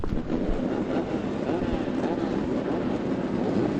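Engines run in a steady, unbroken drone, a heavy low rumble with a rough mid-range roar that holds at an even loudness throughout, with faint rattling pulses underneath.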